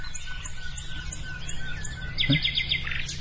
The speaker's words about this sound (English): The wren, isn't it? Or the wren, isn't it?